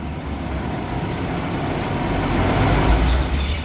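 A car engine rumbles steadily for a few seconds, growing slightly louder, as the vehicle slowly manoeuvres into a parking position on the large parking deck of a big passenger ship. No one speaks.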